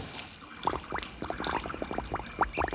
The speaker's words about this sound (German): Er taucht die Wasserspritze in die Tonne.